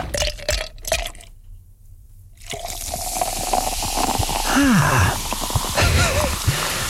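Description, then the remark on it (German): Liquid pours and fizzes into a glass, with clinking ice cubes and bubbly crackling; a brief pause of near silence interrupts the pouring before the fizzing continues steadily. “Prickelt gerade ein bisschen auf dem Trommelfell, oder? Eiswürfel im Glas.”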